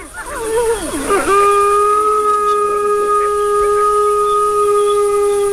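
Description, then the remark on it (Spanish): Wolf pups yelp and whine in wavering, overlapping cries for about a second, protesting after an adult wolf signals them to be quiet, then one long, steady howl-like note holds loud until the end. “Los cachorros ahora van a protestar.”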